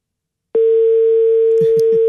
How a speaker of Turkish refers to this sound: Bir de böylesi var biliyorsun. Ara beni deyip açmıyor telefonu. Bunlarla bir de hayat boyu karşılaşmıyoruz ama bilginiz olsun. Bir kere daha çaldırıp kapatıyorum.